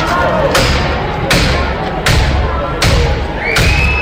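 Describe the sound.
Police force open the street door of an apartment building during an eviction with five heavy, booming blows at a steady rhythm, each strike ringing out over a constant murmur of voices and crowd noise.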